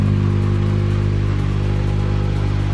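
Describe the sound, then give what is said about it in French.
A C3 Rally2 rally car of the event leaders arrives at the finish of a rally stage, its engine droning loudly and steadily, a strong low harmonic hum with faint mechanical clatter, holding constant without any voices. “Je me retourne et on entend effectivement la voiture arriver. La voici, la C3 Rallye 2 des leaders de l'épreuve.”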